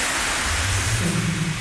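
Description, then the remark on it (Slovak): A steady wash of electric static hiss, the kind heard in telephones and radios, fills the whole clip at constant loudness, with a faint low humming tone running underneath. No voices are heard. “Elektrický šum. Ja šumím v telefónoch a rádia.”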